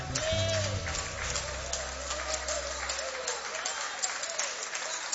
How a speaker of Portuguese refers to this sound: Pega a Bíblia. Aleluia, isso, pode aplaudir o nome de Jesus.